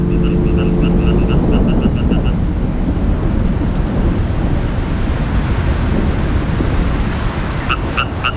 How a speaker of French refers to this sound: Quand il y a eu des coups de chaleur comme ça, et puis que d'un seul coup la pluie tombe comme ça, oui, ils sortent là.